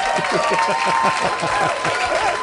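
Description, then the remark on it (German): Applause from a crowd, a steady wash of many hands clapping at a fairly loud level throughout, with some tonal sound and chatter-like murmur mixed underneath. “Lärm ist super, hier kommt ein Applaus.”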